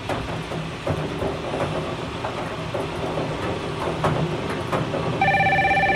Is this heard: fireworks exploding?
no